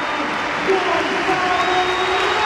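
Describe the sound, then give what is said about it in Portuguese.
The stadium crowd in the stands at Alvalade rises to applaud captain Cristiano Ronaldo as he is substituted off during a football match, in a steady, dense roar of clapping and cheering, loud and unbroken for the whole stretch, with no individual voices standing out. “Vamos escutar as bancadas de Alvalade que se levantam para aplaudir o capitão.”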